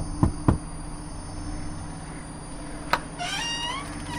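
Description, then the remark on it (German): Two quick knocks on a door, a pause, then a single knock, followed by a high, wavering cry against a quiet humming background. “Ich werde mal klopfen.”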